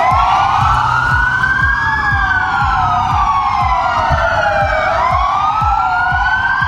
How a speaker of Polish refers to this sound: W całej Polsce zawyły policyjne syreny. W południe mundurowi oddali hołd zabitemu sierżantowi z Dolnego Śląska.